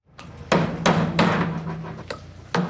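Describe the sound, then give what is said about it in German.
Sharp, ringing hammer blows strike at an irregular pace over a steady background hum of a busy construction site in Heimberg near Thun, about six loud impacts with no talking. “Inlandredaktorin Liva Mittendorf hat eine Baustelle in Heimberg bei Thun besucht.”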